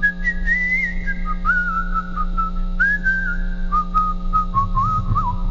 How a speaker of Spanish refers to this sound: Me imagino que es por el oído también de músico, de cómo chifla, porque te salió perfecto. ¿Puedes chiflar nada más la parte de tu voz?